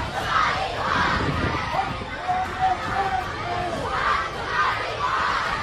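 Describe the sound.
A large protest crowd in the streets of Pakistan-occupied Kashmir (PoK), protesting against the Pakistani government, chants in loud, rhythmic bursts over a constant roar of voices, with one voice calling out above the rest midway through.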